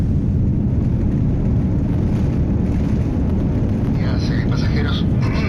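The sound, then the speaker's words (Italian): A steady, loud low-pitched drone of an airplane engine in flight on a long journey to Chile fills the whole recording, unchanging like cabin noise, with faint voices briefly surfacing near the end. “Non rimane altro da fare che salire sull'aereo e cominciare questo lungo viaggio fino al Cile.”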